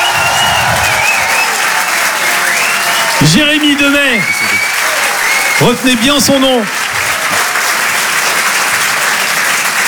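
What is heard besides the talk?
comedy club audience applause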